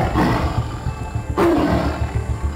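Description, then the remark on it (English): A tiger, India's national animal, roars loudly, a deep, rumbling growl that swells and surges throughout, with a harsher burst partway through. No one speaks. “The legendary Amitabh Bachchan lent his baritone to make heard the tiger's call for survival.”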